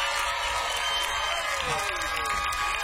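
An audience at a live band concert claps as the band's drummer is introduced, a dense, continuous wash of applause lasting the whole stretch, with crowd noise and faint voices mixed in.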